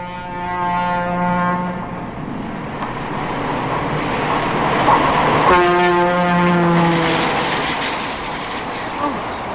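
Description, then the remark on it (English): A train horn blares twice, a long blast at the start and another midway, over a steady rumbling roar of a Pennsylvania Railroad train passing right next to an apartment behind a grocery store. “No more worrying about the kids playing outside with all those trains going by.”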